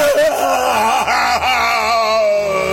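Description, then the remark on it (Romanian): A loud, drawn-out howl of pain, wavering in pitch with a couple of brief catches, voiced by a person imitating a cyclops giant bellowing and writhing after being blinded by a burning club thrust into its eye. “Urla și se zvârcolea uriașul ca de ceasul morții.”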